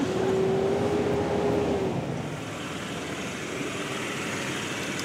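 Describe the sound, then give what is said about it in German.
A car engine roars hard at full throttle in second gear, its droning hum holding a steady pitch for about two seconds before the strain eases and the rumble settles slightly lower. “Da musst du nicht im zweiten mit Vollgas.”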